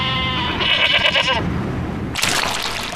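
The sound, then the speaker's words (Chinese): Guizhou dwarf mountain goats, a short-legged breed unique to Guizhou, China, bleat in quick succession while grazing and roaming the mountains. The call is wavering and harmonic-rich, followed after a brief gap by a broad rushing noise like running water. “这种贵州特有的矮脚山羊，羊肉拥有浓浓的青草香气。”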